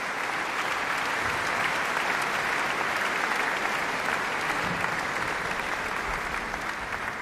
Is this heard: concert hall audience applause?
yes